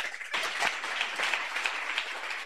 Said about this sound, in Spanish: ¡Aplauso para Cristo Jesús!